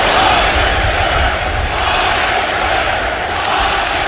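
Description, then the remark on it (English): A large baseball crowd at Citi Field chanting together during the Orioles' 2-1 win over the Mets, a loud, dense roar of many voices that holds steady for the whole clip with no single speaker standing out. “Fans had a little chant going last night.”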